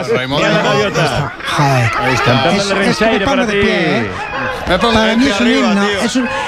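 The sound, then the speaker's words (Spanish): Seagulls calling in a busy run of shrill, laughing cries, loud, with the calls rising and falling and overlapping almost continuously throughout. “Escucharlo, las gaviotas es un himno para mí.”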